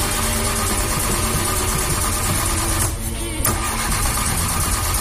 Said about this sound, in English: That was us this morning trying to start the car. The good news is the car has started and we're off for the long weekend.